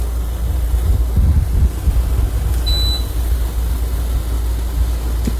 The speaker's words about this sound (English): The air conditioner in my bedroom. Now I have a mini split system, so I can keep it quiet if I want to, but this is like an old school window air conditioner, and I love it because it just drowns out everything else.